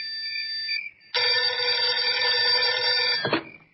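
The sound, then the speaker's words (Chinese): An old telephone bell rings loudly in a room in one sustained, rattling burst of about two seconds, cut off abruptly. A softer steady tone comes just before it, and no one speaks. “屋子里的电话铃突然响了起来。”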